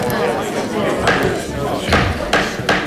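A gavel bangs four times in an uneven rhythm to open the court, each sharp wooden knock standing out over a steady background murmur.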